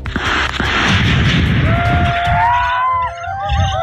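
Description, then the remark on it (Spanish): Several sharp gunshot cracks ring out amid loud, chaotic outdoor noise, and a wailing siren rises toward the end; shots during a massive police and military operation in the Temucuicui community in Ercilla in the early morning. “Hubo disparos y 5 comuneros fueron detenidos.”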